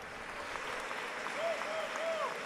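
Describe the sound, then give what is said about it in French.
A crowd applauds steadily in a dense, continuous wash of clapping, with a few faint whistles rising over it, sustained throughout, for people called up to the next table. “Un tonnerre d'applaudissements pour eux, s'il vous plaît.”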